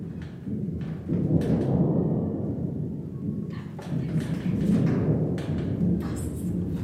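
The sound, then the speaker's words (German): A voice imitates a distant thunder rumble: a low, steady, growling drone lasting several seconds, swelling slightly around the middle, with breathy crackling bursts on top. “Ich kann zum Beispiel ein ganz entferntes Gewittergrollen nur machen.”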